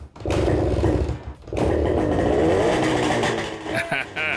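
A small petrol engine, newly refuelled, with cleaned points, new spark plugs and the choke open, sputters, catches after a brief pause and settles into a loud, steady buzzing idle with a rough, rattling pulse, ending in a few uneven revs.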